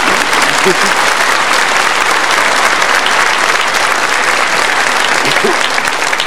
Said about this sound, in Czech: Co říkáte kolegyně našemu dnešnímu publiku? No já myslím, že je velice inteligentní, jo. Že? No, směje se, tleská, no.